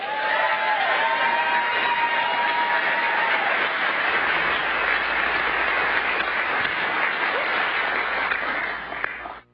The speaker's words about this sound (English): Clapping real loud for St. Albans out there. It's only 15 minutes from my hometown this evening.